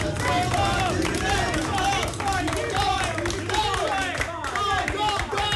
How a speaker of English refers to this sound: Now, I should say, I'm surrounded here by about 10 research assistants, people who work at the lab. They're cheering me on while I'm just, like, killing myself on the treadmill.